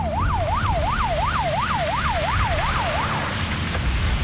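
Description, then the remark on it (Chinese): A police car siren rapidly rising and falling in a steady yelping pattern for about three seconds, loud, over a constant rumble of road traffic and engine noise, as police come for 19 tourists from Guangdong stranded in hot weather on the Chengqin Expressway emergency lane after their large coach broke down. “别着急，别心慌啊！警车马上送大家去避暑。”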